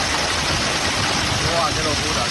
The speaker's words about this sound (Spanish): Es, por ejemplo, el sonido ayer en Tarragona, donde cayó pedrisco de hasta 5 centímetros.